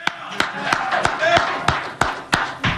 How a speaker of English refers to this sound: We clap for Jose. I know a lot of you guys can't because you're in the media and you got to be neutral. But I'm going to clap for Jose.